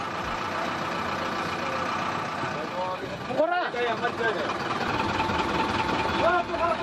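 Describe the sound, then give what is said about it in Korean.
A large engine of a regular bus in Kathmandu, Nepal, idles past its departure time for Pokhara with a steady low rumble throughout, joined by a dense wash of background noise and overlapping voices, including the driver calling out "Pokhara" through the window, with a brief dip and surge partway through. “오늘은 카트만두에 도착하자마자 버스를 타고 경계를 넘고 있네요.”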